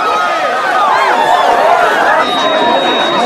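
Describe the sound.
A dense, lively crowd of people rushes in at a party, pushing someone backwards, a loud continuous babble of many overlapping voices and excited chatter with a busy, jostling energy throughout.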